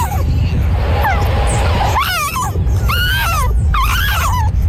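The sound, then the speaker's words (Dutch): A young fox cub gives several high, screaming calls, each a wavering, rising-and-falling shriek, repeated in short bursts over a steady low rumble of background noise. “Het is dan een jonge welp eigenlijk. En die maken dit hoge, dus een beetje schreeuwend geluid.”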